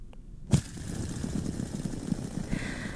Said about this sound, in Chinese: 答案就是可以在我们手掌上玩的这个指尖陀螺 fidget spinner。